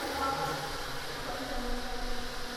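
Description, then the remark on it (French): Bees buzz in a steady, continuous drone, a dense humming texture with layered tones that holds at an even, moderate loudness throughout. “Ah, c'est des abeilles. Ce sont des abeilles.”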